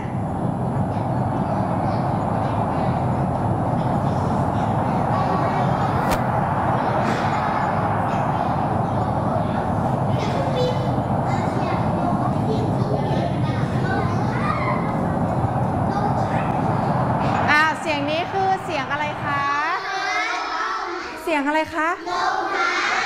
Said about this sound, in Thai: เสียงลมพัดหรือว่าเสียงลมทำไมคะลมพายุใช่ไหมคะเวลาพายุมาเนี่ยเด็กๆได้ยินเสียงลมไหมคะ ได ้ยินใช่ไหมคะดังเลยใช่ไหมคะอันนี้ก็คือเป็นเสียงลมพายุนั่นเองค่ะ